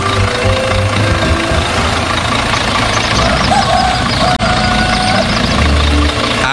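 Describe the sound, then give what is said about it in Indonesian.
An open-bed truck's engine idles steadily, ready to carry passengers, a loud continuous low rumble with faint background voices and a brief dropout near the end. “Uniknya lagi, kendaraan yang dipilih bukan mobil mewah, melainkan sebuah truk dengan bak terbuka yang siap mengangkut para penumpang, lengkap dengan cerita, tawa, dan tentu saja gosip yang akan mengiringi perjalanan sepanjang jalan.”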